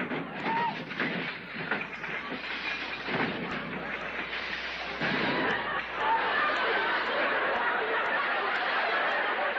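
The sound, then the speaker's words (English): A loud explosion that tears a house apart and blows down the whole block: a dense, continuous roar of crackling, crashing noise lasting about ten seconds, swelling slightly louder toward the end. “I blew down the whole block.”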